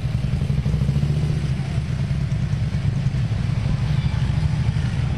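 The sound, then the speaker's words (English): Loud, continuous rumble of a group of motorcycles arriving in Shanksville, a deep throbbing idle with slight surges in throttle, steady throughout and without any talking. “Gotta love it when the motorcycle community arrives, and they must have been mustering up at the Tower of Voices”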